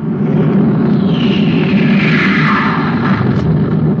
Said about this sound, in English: Hey, listen, a spaceship.